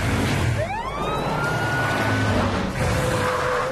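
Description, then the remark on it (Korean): A fire truck siren wails with rising and falling sweeps over a steady vehicle rumble, loud, with no voices heard. “렉스는 티렉스가 소방차를 돌아볼 수 있도록 얘기해주고.”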